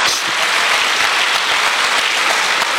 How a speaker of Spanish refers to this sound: Ahora denle un fuerte aplauso al Señor si quiere. Aleluya. Gloria a Dios. Gloria a Dios.